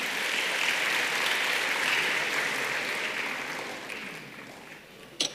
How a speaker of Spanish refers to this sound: Den un aplauso al Señor, hermanos.